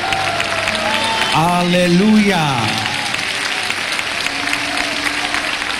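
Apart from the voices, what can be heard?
audience applause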